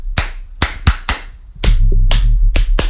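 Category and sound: human body sound, hand clapping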